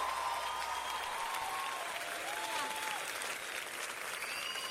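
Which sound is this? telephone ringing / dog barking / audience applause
audience applause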